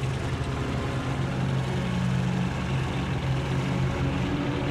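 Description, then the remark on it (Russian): A tank starts its engine and moves off after an armored car in a city, droning steadily throughout with a deep humming rumble and a rough, grinding mechanical texture. No voices are heard. “Танк заводит мотор и идет за броневиком.”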